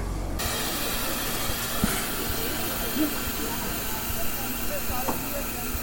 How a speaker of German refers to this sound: Und es gehen auch wieder Führerstandsmitfahrten auf der 58er. Eine lange Schlange von Leuten steht vor der Aufstiegsmöglichkeit zum Führerstand und zeugt davon, dass ein großes Interesse besteht, mal auf der alten Dampflok mitzufahren.